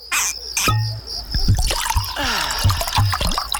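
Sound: trickling underground stream water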